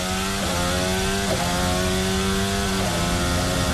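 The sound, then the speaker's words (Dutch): A racing car engine screams loudly at a high, buzzing pitch, broken by a few sharp shifts where the tone abruptly drops and climbs again. No voices. “Je hoort die klappen. Het trapt gewoon door, hè?”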